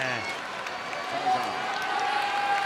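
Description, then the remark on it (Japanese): A big sumo arena crowd roars and cheers in a dense, steady wash of noise on the opening day after a bout won by Fujinokawa, while a commentator's voice speaks over the din, partly buried beneath it. “歓声でちょっと声が届きにくいですね。”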